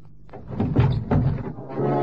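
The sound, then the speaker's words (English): A policeman yanks open a heavy truck door with a couple of loud metallic thunks and a scraping clatter over a low, steady engine rumble. “I'm opening the truck door, Peralta. Now.”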